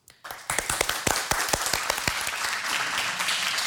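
An audience bursts into applause, starting with a few sharp individual claps that quickly swell into dense, steady clapping sustained at a fairly loud level, with no voices.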